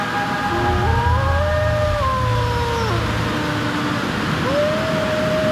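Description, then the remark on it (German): Wolf howls echo from all sides of a valley at nightfall after a storm: several long, overlapping wails glide up and fall away, then a final steady howl rises near the end, all over a constant rushing hiss. “Mein Freund, der Wolf, war noch immer in der Nähe. Schauerlich hallte sein Heulen von allen Seiten des Tals.”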